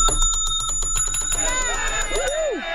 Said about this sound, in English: Ah, there you go. You earned the emphatic bell on that one right there.